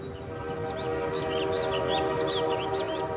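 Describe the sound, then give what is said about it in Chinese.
A passenger train travelling from Tianjin to Beiping rumbles along steadily, a dense continuous roar with rhythmic low clatter, while a string of high chirping squeals repeats over it throughout. “从天津开往北平的火车上，此时坐着一对年轻的夫妇”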